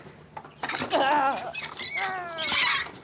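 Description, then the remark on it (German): A brooding hen protecting her eggs squawks in alarm, a run of loud, harsh cries with wavering pitch, several overlapping calls following each other over about two and a half seconds. “Ja, macht natürlich richtig Alarm hier.”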